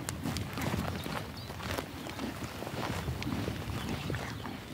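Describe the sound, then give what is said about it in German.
Steady hoof clops of an Icelandic horse walking at an even pace on a horse-breeding farm, with a soft rustling outdoor background and no talking. “Bevor hier Pferde grasten, war Karl klassischer Landwirt.”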